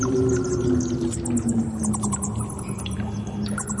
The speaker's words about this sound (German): Was ist das jetzt? Das, mein Lieber, ist eine Vampirfledermaus. Ah ja, ich hatte schon gedacht, Fledermaus passt, aber dieses Tropfen, liegt in der Höhle, klettert durch eine Höhle.